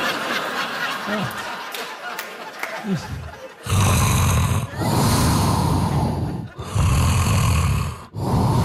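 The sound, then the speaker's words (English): Soft, quiet breathing gives way to loud, harsh snores from a person recording themselves snoring, four long rasping breaths in a row separated by short silent gaps, heavy. “It's rhythmic. It's soothing. Also, suspenseful, right? Because about every 90 minutes or so, I'm just going to stop breathing for a couple of minutes.”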